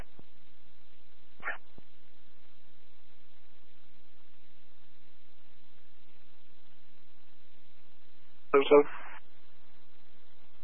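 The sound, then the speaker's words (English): A dog that its owner let out barks in an otherwise quiet setting: one brief, faint bark early on, then a louder, fuller pair of barks several seconds later. “The owner forgot that he let the dog out.”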